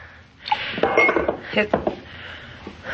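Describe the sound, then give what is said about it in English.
Moderately loud clinks and knocks of a glass against a water pitcher on a table, a few irregular taps over about two seconds with a faint ringing tone, no one speaking. “That water pitcher there on the table. Why don't you get it?”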